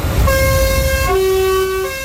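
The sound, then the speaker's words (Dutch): Loud, sustained horn toots blare over a low engine rumble, the tone shifting pitch twice as overlapping horns sound together for about two seconds. “Nou, genoeg toeters, hè?”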